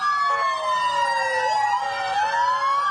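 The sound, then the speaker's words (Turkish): An ambulance siren in Nablus, West Bank, wails steadily and loudly, its pitch sliding slowly down and back up in long sweeps, with no voices over it. The ambulance is carrying a seriously ill Palestinian patient to hospital. “Nablus'ta ağır hasta Filistinliyi taşıyan bir ambulans işgalci İsraillerin tacizine uğradı.”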